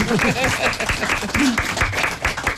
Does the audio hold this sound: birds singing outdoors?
no